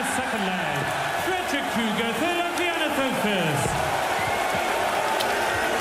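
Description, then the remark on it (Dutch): A large indoor crowd in a hall roars steadily as a player steps up at 1-1, many voices blending into a loud, continuous wall of cheering and shouting that holds its level for the whole stretch, with scattered whoops rising above. “Kruger onder luid gejuich van de zaal mag aanleggen voor 1-1”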